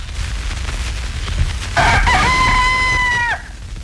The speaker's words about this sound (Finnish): Tämä on Ylen Yleisradion aamukukko, varhaisin säilynyt niistä.